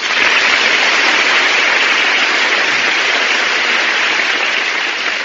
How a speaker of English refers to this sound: My goodness, that's the biggest round of applause I ever got. No wonder they call it the big show.